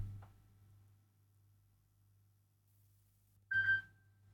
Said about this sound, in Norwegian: Det ringer. Hør, hvem kan det være? Hallo?